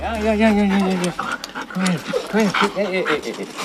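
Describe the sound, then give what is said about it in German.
An excited female husky with grey-white fur pants and whines at an animal shelter in Korbach as she sees her leash and harness, a man struggling to restrain her; her breathy huffs mix with rising, yelping vocal bursts in a quick, restless rhythm. “hat Mühe, die Husky-Hündin zu bändigen.”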